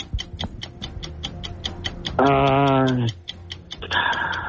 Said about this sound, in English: Here we go. Let's start the clock in 3, 2, 1.